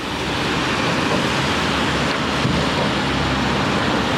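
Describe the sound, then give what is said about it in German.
Strong wind roars steadily on a bridge over the Váh (Waag) river in Trenčín, Slovakia, a dense continuous rush of noise that never lets up over a few seconds, with no voices. “Windig ist es hier auf der Brücke, aber der Blick ist berauschend.”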